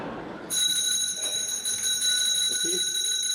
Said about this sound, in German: Es läutet. Da kann ich Sie beruhigen, Herr Direktor. Das liegt nur daran, dass wir eine Glocke haben.